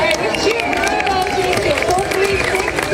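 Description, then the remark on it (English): A large crowd cheers and shouts encouragement to a burro at an obstacle course, a steady, loud wash of overlapping voices and calls that carries on without a break. “That reluctance and sometimes ultimate success is encouraged by the crowd.”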